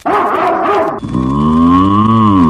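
A cow moos loudly, one long, steady, droning low call lasting over a second, following a brief rougher burst of sound at the start.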